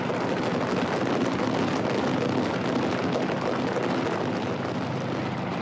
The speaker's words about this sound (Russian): Два вертолета пересекли небо Муюн-Кума, как рыбы, не оставляющие следов в воде.